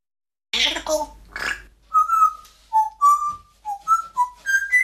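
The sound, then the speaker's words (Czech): A pet parrot named Žaninka gives a few raspy, breathy squawks, then whistles a string of about nine short, clear notes that step around and climb higher in pitch toward the end. “Žaninko, papoušku, ty zase budeš v rádiu.”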